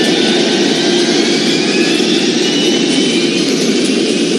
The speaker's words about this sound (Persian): زمان به کندی می گذشت و به انتظار نشسته بودیم که ناگاه صدای روشن شدن موتور اول هواپیما و غرش آن سکوت باند را شکست.